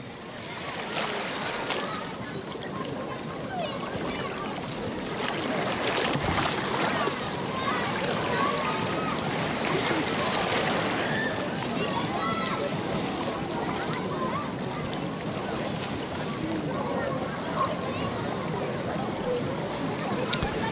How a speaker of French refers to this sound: La rivière coule. Elle déroule son lit. Nous lit ses poèmes liquides.